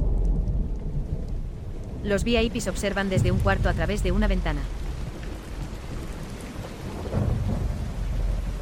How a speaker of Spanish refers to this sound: Gotas de lluvia comienzan a caer. Los jugadores miran al cielo nublado.